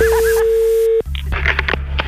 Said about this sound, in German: Das Telefon.